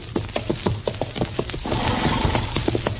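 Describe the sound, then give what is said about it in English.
A horse stomps in Kansas, on the way back to Dodge, its hooves kicking up dust and landing in a quick, uneven series of heavy thuds, followed by a rougher, breathy stretch that could be a restless snort or whinny. No one speaks. “Darn horse. Seems he's just bound to stomp all the dust in Kansas in my eyes.”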